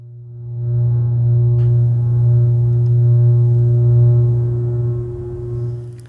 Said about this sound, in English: would pass impulses to the loudspeaker in a diatonic tone, a diatonic scale, and there after to extend the program to controlled execution of tones and the playing of what might be called music.